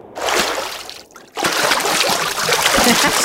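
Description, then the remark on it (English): Water splashes and sloshes, like feet being washed in a basin, with a brief lull about a second in before the busy splashing resumes and continues to the end. “I think it's when Mary was washing Jesus' feet.”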